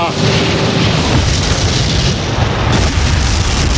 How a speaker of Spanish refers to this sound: Bueno, me voy, que comienzan los fuegos artificiales. Ahí está la pirotecnia valenciana.